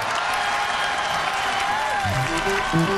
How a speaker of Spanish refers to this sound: un aplauso para mami y papi porque en verdad rompieron.